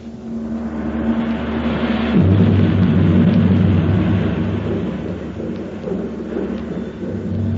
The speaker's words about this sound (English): I declare, I believe there's a storm coming up.